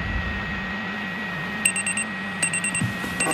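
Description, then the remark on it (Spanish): An electronic alarm clock beeps in quick bursts of short, high-pitched tones, each group repeating after a brief pause, over a low, steady background hum. “El despertador.”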